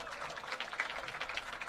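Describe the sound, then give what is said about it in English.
Steady crowd applause fills the stadium at a George Mason vs West Virginia soccer match in Morgantown, greeting Sebastian Burke as he comes in for West Virginia; a dense wash of many hands clapping at an even, sustained level with no voices standing out. “And lots of applause here for Sebastian Burke.”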